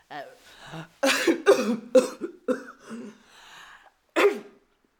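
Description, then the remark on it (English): Several sneezes and coughing bursts from a person with a terrible cold in quick succession, fairly loud, followed after a short pause by one more sharp sneeze. “Bless you. Bless you.”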